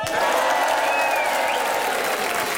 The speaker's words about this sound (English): Let's have one last Friday Club cheer before the news, everybody.